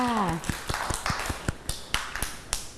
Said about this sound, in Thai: เก่งมากค่ะเด็กๆปรบมือให้ตัวเองด้วยค่ะ